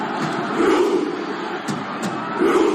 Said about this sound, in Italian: Insomma, numeri da record, così come da record il numero delle interazioni sui social media di video relativi ai mondiali di calcio, con in testa la classifica la Viking Row dei tifosi norvegesi con oltre 174 milioni di visualizzazioni.